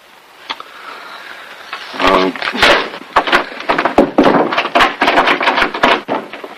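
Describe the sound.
A man repeatedly butts his shoulder and hip against a wooden door in quick, irregular bursts of fairly loud thuds while struggling with it, with a strained voice grunting and murmuring underneath.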